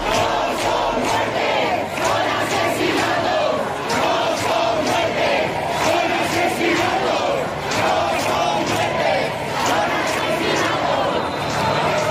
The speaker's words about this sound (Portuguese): Mari Carmen morreu esta noite e, assim que se soube das notícias, os protestos fizeram-se ouvir com a frase: não foi uma morte, foi um assassinato.